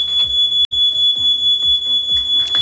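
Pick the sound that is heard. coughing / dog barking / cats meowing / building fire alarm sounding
building fire alarm sounding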